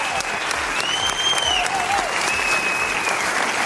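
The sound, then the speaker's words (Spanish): An audience at a program recording applauds steadily for several seconds for a woman. It is a dense, even wash of many hands clapping at constant loudness, with a few faint high tonal cries rising briefly above it. “Pido un aplauso para ella, la culpable, entre comillas, de que estemos aquí.”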